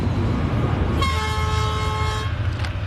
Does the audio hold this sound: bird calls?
no